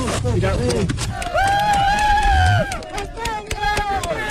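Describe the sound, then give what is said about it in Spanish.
Rescue teams, special forces from Colombia, El Salvador and Mexico and Spain's UME, shout and cheer together, one long drawn-out chanted call of "España" rising over a busy crowd, with scattered claps and excited yelling around it. “España, gritaban las fuerzas especiales de Colombia, El Salvador, México y, por supuesto, la UME, lo han vuelto a hacer, poner un poco de esperanza en estos momentos tan difíciles.”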